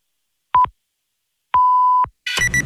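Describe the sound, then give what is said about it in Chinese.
Radio time-signal pips marking 21:00 Beijing time: a short, clean high beep, a pause, then one longer sustained beep marking the hour, followed by the abrupt start of louder broadcast sound. “现在是北京时间21点整。”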